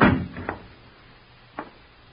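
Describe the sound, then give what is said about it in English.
A door shuts with a heavy thud, followed by a couple of softer knocks or latch clicks, with no voices. “Keep quiet and shut the door.”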